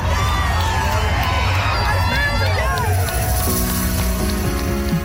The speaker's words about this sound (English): A record 6,000 people marched together through the streets and thousands more lined the sidewalks, smiling, cheering, and everyone just dancing and having a fun time together.